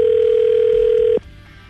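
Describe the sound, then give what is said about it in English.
A loud, steady telephone dial tone hums for just over a second as a woman is called to follow up on a date, then cuts off abruptly into a faint, quiet line. No one speaks. “We're calling to follow up with you on a date that you went out with a very talkative young man”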